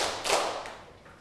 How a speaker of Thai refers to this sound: กิจกรรมของเราวันนี้นั่งตัวตรงปรบมือ1ครั้งปรบมือ1ครั้ง2ครั้ง1ครั้ง2ครั้ง3ครั้ง